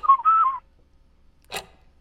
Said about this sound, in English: You may be smooth all over, but your whistling is a little ragged. Needs a little work.